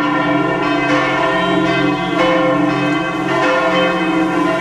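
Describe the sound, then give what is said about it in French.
Church bells peal continuously in churches across France at 10 a.m. on a Friday for 7 minutes, a symbolic welcome as a plane landed at Orly airport; several bells overlap in a dense, ringing wash of tones with strikes landing every second or so, loud and resonant with no voices. “On entend ces cloches qui ont donc sonné dans toutes les églises de France à 10h du matin, vendredi, pendant 7 minutes.”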